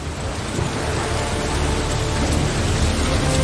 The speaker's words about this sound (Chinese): 难以置信的适应力确保它们活下来，直到生命之雨开始降临。终于大雨倾盆